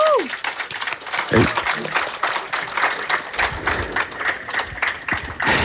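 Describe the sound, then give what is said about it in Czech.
A crowd at the Sadová kolonáda applauds steadily and fairly loudly outdoors, the dense clapping carrying on for the whole stretch, with a brief whistle-like tone at the start and a few voices mixed in. “Chceš slyšet, jak ti Sadová kolonáda tleská?”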